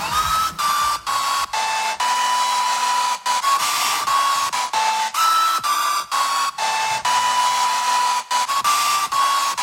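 A hair dryer blows loudly and steadily, with a whining tone that shifts pitch in the tune of a popular hit song, broken by several brief stops. No one speaks.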